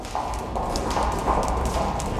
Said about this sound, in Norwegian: Det et rom der stemmen ikke heves, men likevel høres. Har parkett, lange bord, lyden av sko som treffer gulvet og gir et lite ekko.